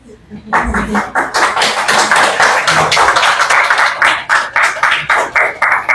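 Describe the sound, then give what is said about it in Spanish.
A crowd applauds after a unanimous municipal council vote in José Leonardo Ortiz district approving the 2026 municipal fees for public cleaning, parks and gardens, and security: dense overlapping claps that keep a fairly even loudness for several seconds and then thin out into more separate, distinct claps toward the end. “La pregunta es, ¿qué aplaudieron?”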